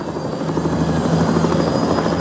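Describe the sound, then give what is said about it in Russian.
A helicopter's rotor blades thump in a fast, steady chop with a loud engine whine, continuous throughout, with no voices over it, as performers come on stage at the Avtoradio Big Disco live concert. “Под звук вертолетных лопастей.”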